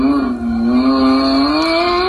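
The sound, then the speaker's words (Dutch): A black toy Lamborghini's electronic engine-start effect plays as it is switched on: a steady, buzzy synthesized motor tone rising gently in pitch, loud and continuous for about two seconds with no talking over it. “Als je hem aanzet, hoor je namelijk dit.”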